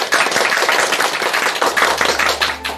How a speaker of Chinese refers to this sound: 接下来我们就请姚教授来为大家示范诵读，我们掌声欢迎。